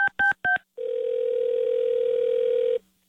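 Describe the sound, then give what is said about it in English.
Three quick touch-tone beeps of telephone dialing, followed by a loud, steady telephone tone that holds for about two seconds and then cuts off, with no voices. “Don't answer the phone.”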